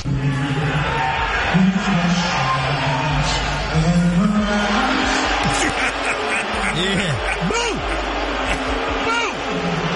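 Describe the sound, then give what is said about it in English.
A large stadium crowd at the finals boos Donald Trump as the camera pans to him, in a dense, sustained roar of low drawn-out voices, steady and loud across the whole stretch, with scattered shouts rising out of the mass. “Speaking of dirty old men, this one got booed as soon as the camera panned to him”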